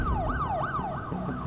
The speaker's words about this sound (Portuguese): Conhecemos sons difíceis de ignorar. Uma sirene.